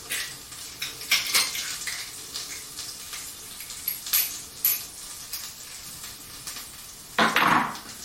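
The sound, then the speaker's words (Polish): A steady, soft sizzle and crackle of butter and pressed garlic heating in a pan, with a few faint clinks of kitchenware and a brief louder rustle of hissing near the end. No one speaks. “Masełko się podgrzewa, czosnek się podgrzewa, już puszcza swój czosnkowy aromacik.”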